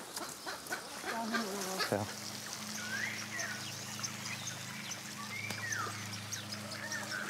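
A lame, weakened bird named Luise gives a few short, hoarse honking calls spaced a couple of seconds apart as it is caught in a thicket and held by the neck, over a steady low hum and rustling outdoor background.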